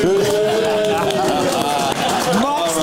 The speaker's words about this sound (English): Much better. Yeah, they stepped that booing up.